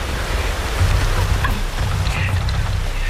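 Steady outdoor rain hiss blends with a low, buffeting wind rumble, continuous and fairly loud throughout, with no voices.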